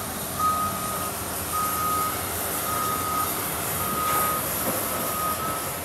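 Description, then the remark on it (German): A forklift unloading a plane from Vienna, whose cargo crates hold a Galápagos giant tortoise, sounds its reversing alarm: five steady, mid-pitched beeps about a second apart over a constant rumbling engine and broad machinery noise, with no talking. “Mit dem Gabelstapler geht's weiter.”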